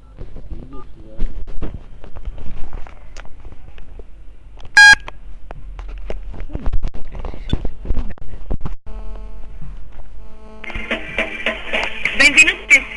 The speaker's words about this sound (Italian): A me il 117 lo posso chiamare del cellulare.